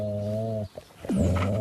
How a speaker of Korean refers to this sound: 오토바이 소리 같기도 하고 소 울음소리 같기도 하고 성대모사라도 하는 거야? 아직까지는 막 무조건 싸우겠다라는 표현은 아니에요. 으르렁은 싸우기 싫으니까 네가 여기서 물러나면 안 싸울 거야. 싸움을 안 하고 싶은 표현 중에 하나거든요.